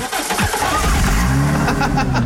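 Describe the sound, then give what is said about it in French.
A car's start-stop system restarts the engine: it quickly cranks and fires back to life after a brief stop, then settles into a steady, rumbling idle with a low, even hum. “Oh, il me saoule, ce start and stop. Il me fatigue.”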